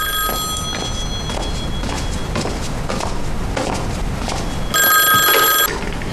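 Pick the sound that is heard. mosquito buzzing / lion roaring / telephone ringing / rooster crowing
telephone ringing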